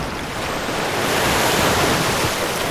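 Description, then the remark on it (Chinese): Wind-driven ocean swells reach shallow water and break as nearshore waves in a steady, loud wash of surf, the roar swelling slightly and holding a broad, hissing texture throughout with no voices. “当涌浪靠近浅水区时，就会变成近岸浪。”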